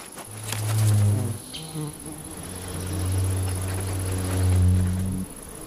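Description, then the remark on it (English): Ivy bees buzz around ivy flowers in a steady low drone that swells and fades as individual insects fly past, with no voices present. “The ivy bee is completely dependent on the nectar and pollen of the ivy.”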